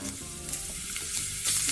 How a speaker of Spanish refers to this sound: sonido del aceite hirviendo al echar las papitas. ¿Eh? A ver, aceite hirviendo.